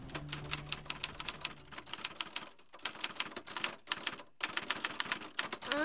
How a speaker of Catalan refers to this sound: Com una... Los de los teclados. Com una màquina per escriure. Això, molt bé, una màquina d'escriure.